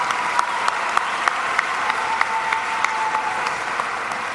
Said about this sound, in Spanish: Y la otra, un aplauso para nuestra presidenta.